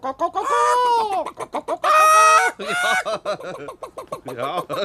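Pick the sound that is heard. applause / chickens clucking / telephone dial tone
chickens clucking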